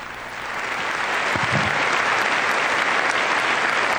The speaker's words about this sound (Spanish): Un largo aplauso de todos los miembros de esta institución que ha recibido al Papa León XIV, que en este momento se retira junto con el director de esta institución, el señor Khaled El Enani, director general